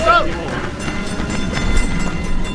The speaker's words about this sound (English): They look back as the train shuts its doors. And then they're off.